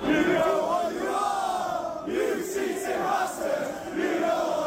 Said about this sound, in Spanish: En los aledaños de Anfield se escuchó y se leyó mucho la palabra cheat, trampa en inglés, y la hostilidad se trasladó adentro del estadio con globos con el número 115 y cánticos como este.